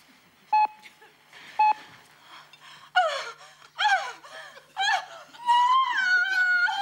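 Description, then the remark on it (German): A woman performs lustful panting on cue from a script, panting and moaning in breathy, rising bursts that grow longer and louder, ending in a sustained moan, after two short electronic beeps at the start. “Jetzt machen wir weiter mit lustvollem Keuchen.”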